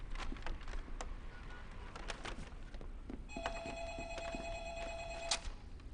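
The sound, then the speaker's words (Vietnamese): A telephone rings with a steady electronic tone for about two seconds, a call from a hospital, fairly clear against a background of room noise and occasional clattering from earlier, with no one speaking. “có điện thoại tìm chị, là bệnh viện gọi tới.”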